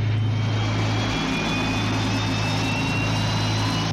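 An aircraft engine roars loudly and steadily, with a low droning hum underneath and thin high whining tones running through it. No one speaks.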